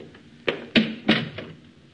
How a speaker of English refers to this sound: And close the door